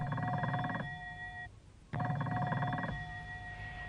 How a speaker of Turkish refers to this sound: Telefon anne, bakar mısınız?